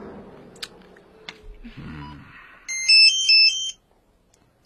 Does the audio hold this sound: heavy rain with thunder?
no